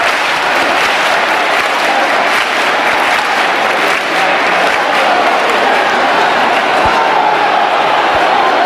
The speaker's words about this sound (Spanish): aquí todo el mundo con la emoción desbordada, los aplausos para recibir al sin pecado y para que dé inicio la procesión de la Virgen del Rocío, con cientos de miles de personas en esta aldea. Escuchamos las palmas también para recibir al sin pecado.